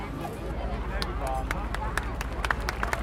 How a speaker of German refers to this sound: Genau, nochmal einen herzlichen Applaus und Dankeschön an die gemischte Gruppe